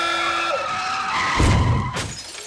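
A car's tires screech in a sustained skid, then a loud crash with shattering, crunching impact hits around the middle, followed by a brief second burst of debris.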